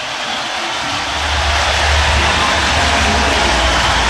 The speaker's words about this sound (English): This crowd has witnessed a remarkable basketball victory for their Cornhuskers. Listen to the crowd here for just a second.